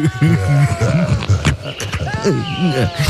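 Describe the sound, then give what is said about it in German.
A person imitates a bear smacking while eating in a forest, with growly, grunting munches and wet smacking clicks repeating for about three seconds, fairly loud. “Und sowas geht ja nun mal nicht ohne Schmatterei, ne?”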